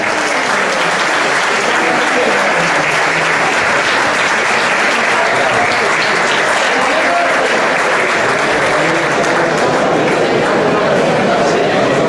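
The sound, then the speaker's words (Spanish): Loud, sustained audience applause given on a signal after a countdown from three, celebrating the start of a new stage. A dense wash of clapping from many hands stays steady and full for about twelve seconds with no break. “3, 2, 1, adelante, fuerte aplauso.”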